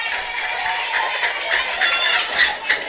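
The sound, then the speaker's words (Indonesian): A crowd claps steadily for a few seconds, a dense, even patter of many hands with some cheering mixed in, fairly loud, with no voice talking over it. The applause is for two young performers. “Tepuk tangan dulu buat yang dua tadi itu.”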